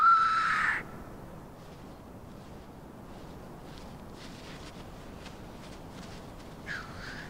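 Grouse cocks calling in courtship at dawn in the cold, displaying in show fights to win hens; their enlarged windpipes make the calls carry far. A loud, harsh hissing call opens, followed by fainter scattered rasps and bubbling notes, then another hoarse hiss near the end. No one speaks.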